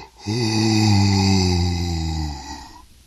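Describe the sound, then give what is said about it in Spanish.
A person imitates the yawn of animals waking in their nest at daybreak, with one long, drawn-out voiced groan that sinks slightly in pitch and fades out after about two and a half seconds, heard alone. “Y luego de dormir en tan delicioso lugar, se despiertan con la luz del nuevo día, con las canciones de sus vecinos, los pájaros, y bostezan así.”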